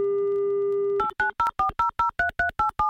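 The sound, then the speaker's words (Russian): An Avtoradio presenter dials a contestant's phone number during an on-air prize game: a steady telephone dial tone hums for a second, then gives way to a quick, even series of about ten touch-tone keypad beeps as the number is dialed. No voices. “И очень надеюсь услышать гимн авторадио вместо гудков”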